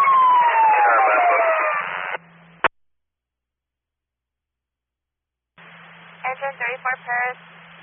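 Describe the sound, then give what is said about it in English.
An emergency vehicle siren wails with a falling pitch for about two seconds over a tinny, radio-like line, cut off by a click. After a silence, a voice speaks in short bursts. “Your sirens.”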